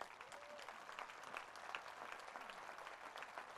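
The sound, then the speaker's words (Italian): Sustained audience applause for the Orchestra Bruni of the city of Cuneo during a live Ferragosto broadcast on Rai 3, a dense steady wash of many hands clapping at an even level throughout, with no pauses and no voices standing out. “e l'applauso che prosegue per la straordinaria orchestra Bruni della città di Cuneo, il maestro Andrea Oddone.”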